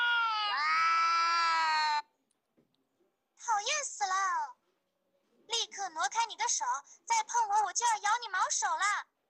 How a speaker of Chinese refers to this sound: 而如果播放两猫相遇炸毛的叫声，翻译器又说起了人话。